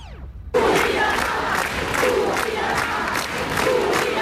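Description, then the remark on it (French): A crowd of about a thousand protesters at Place Vendôme in Paris, in front of the Ministry of Justice, on the evening of 8 June 2026, shouts and chants its anger in a dense, loud, continuous roar, with rhythmic surges of voices rising and falling after a brief swooping tone at the start. “Bien que la manifestation fût interdite, la foule était venue crier sa colère et son indignation.”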